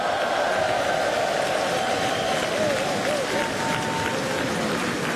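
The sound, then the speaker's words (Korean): A large audience claps steadily and loudly for about five seconds for a children's choir after its performance, a dense, unbroken wash of hand claps with a few faint voices mixed in beneath it. “네, 힘찬 무대를 보여준 우리 어린이 합창단에 다시 한번 큰 박수 부탁드리겠습니다.”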